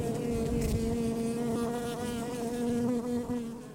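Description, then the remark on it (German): A steady buzzing of bees kept on a family farm, a dense droning hum that holds for several seconds with slight swells in loudness and no voices. “Und arbeiten mit Bienen als Kind ist nicht immer lustig, weil Bienen können auch einmal grantig sein und können auch stechen.”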